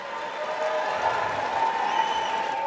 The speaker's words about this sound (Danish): Ja, stor jubel. 215 stemte for forslaget, 208 stemte imod.